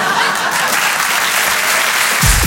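An audience applauds steadily, a dense, even wash of many hands clapping at a constant, fairly loud level, with a faint voice rising in right at the end.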